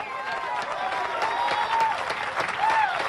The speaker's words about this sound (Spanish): Todavía, ay Dios mío, yo voy a aplaudir por usted en esta noche.